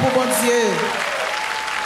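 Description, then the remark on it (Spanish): An audience claps steadily in praise of the king, a dense, sustained wash of many hands throughout, with a voice briefly rising above the applause at the start. “Aplaudale al rey.”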